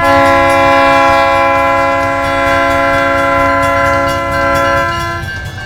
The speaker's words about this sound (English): Give me that train whistle, Giles.